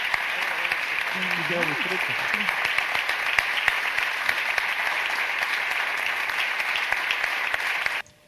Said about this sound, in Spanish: Emoción en el teatro y merecido reconocimiento y aplauso.